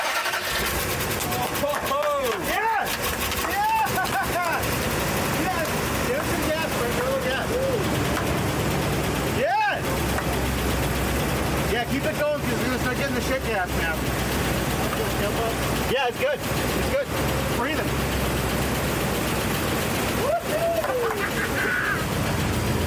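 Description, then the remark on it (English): A truck engine, mounted inside the cab with its doghouse cover open, runs loud throughout, a steady rough rumble with brief dips. Voices can be heard talking over the noise. “Get a little dirty because it blew all over me because like the engine's in the cab, which makes no sense to me.”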